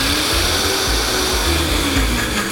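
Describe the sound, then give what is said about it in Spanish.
A blender runs steadily, its loud motor whirring and churning leftover sauce blended with a little broth, without a break for the whole stretch, with no voices over it. “Oye, vamos a licuar lo que quedó en la licuadora con tantito caldito.”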